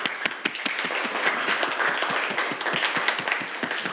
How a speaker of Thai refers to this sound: ปรบมือให้เพื่อนเลยนักเรียน